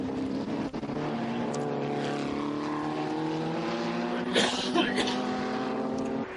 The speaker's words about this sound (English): Yes, as Vaquin rounds the final corner, he streams down to the timing line, and the checkered flag is awaiting him, as you can hear that Chevrolet roar across.